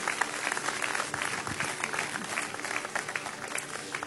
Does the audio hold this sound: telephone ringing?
no